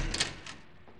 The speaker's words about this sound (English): I was nearly over him when I heard the door open.